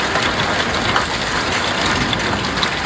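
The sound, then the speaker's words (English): Heavy rain and hail from a morning thunderstorm pour down over Metro Vancouver, Canada, after a generally dry summer, a dense, steady, loud roar with scattered sharper ticks of impacts over the constant hiss and no voices. “Heavy rain and hail pouring down after a generally dry summer.”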